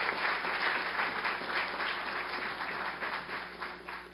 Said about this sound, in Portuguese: Aplauda Jesus pela vida da nossa amada missionária.